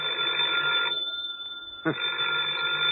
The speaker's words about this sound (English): Oh, the phone again. You get to your feet, walk painfully across the room to the phone